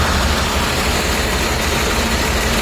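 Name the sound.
truck engine idling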